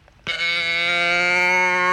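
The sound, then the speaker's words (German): A cow moo box toy, being tipped over, lets out one abrupt, drawn-out moo with a nasal, bleating tone, holding steady and fairly loud, with no voices. “Nee, das war nicht Kuh Rosi, das ist so eine Kuhdose. Ich mach's nochmal.”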